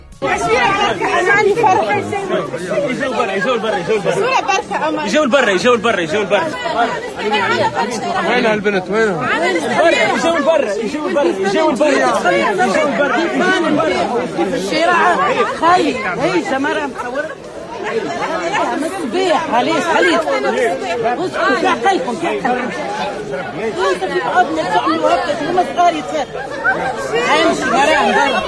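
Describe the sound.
A dense crowd of fans welcoming a singer at Carthage airport chatter and call out together in a steady, loud babble of many overlapping voices, with occasional shouts rising above the hubbub throughout.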